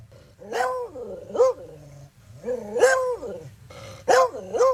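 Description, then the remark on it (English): A male pet dog barks aggressively, letting out four loud, drawn-out barks at uneven intervals, with a low rumbling growl filling the gaps between them. No one speaks. “All right, any more barking?”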